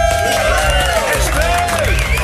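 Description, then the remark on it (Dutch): A large crowd cheers and applauds loudly and steadily, a dense wash of clapping with shrill, wavering shouts and whoops rising and falling over it. “Laat je horen voor onze Esther Plaatsen.”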